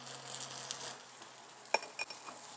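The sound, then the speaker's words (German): Hot oil in a plain, bare pan heated on a grill sizzles with a steady crackling hiss for about a second, then fades, followed by a couple of sharp metallic clinks. No one speaks. “Also, zuerst die Pfanne heiß machen. Eine ganz normale, blanke Pfanne, wie ich es auf den Herd stellen würde. Dann kommt Öl rein.”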